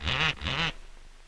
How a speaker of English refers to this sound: Who taught that parrot to do that?